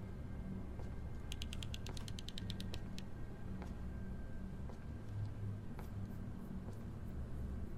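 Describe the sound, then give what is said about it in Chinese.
The door of a men's toilet creaks shut in a quick run of dry, ratcheting clicks, followed by a few scattered softer ticks, all over a steady low background rumble with no one talking. “哎呀，先把门关了。”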